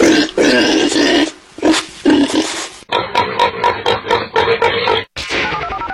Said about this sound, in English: What was that sound? A pig. It was. Yes. Maybe multiple. Maybe hogs, awesome.